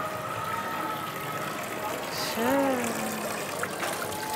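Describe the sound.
A fountain in the heart of an old town, dating from the 15th century, splashes in a steady, even rush throughout; its water is clean and drinkable. A faint background voice rises and falls briefly partway through.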